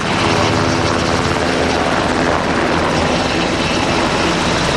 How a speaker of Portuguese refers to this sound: A bordo de um helicóptero UH-60 Black Hawk, que fez a viagem desde Monsanto até à base aérea número 6, no Montijo.